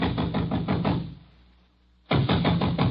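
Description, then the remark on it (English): Loud, rapid banging on a door in a village, a quick run of heavy knocks, a pause of about a second, then another fast burst of pounding, forceful with no voices. “I was soon banging on a door there like a drummer”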